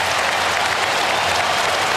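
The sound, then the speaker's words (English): Loud, sustained applause from a large crowd of Sydney fans in a stadium, a dense, steady wash of clapping that holds evenly for the whole two seconds with no voices standing out. “And the applause, listen to that, the applause from the Sydney fans.”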